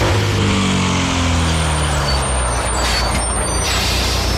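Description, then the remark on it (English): A large Canberra Explorer tour bus rumbles, its low engine tones slowing and dropping in pitch as it pulls up and comes to a stop, followed by loud hissing bursts of air brakes. “The moment you hear that bus pull up, that's our bus, by the way.”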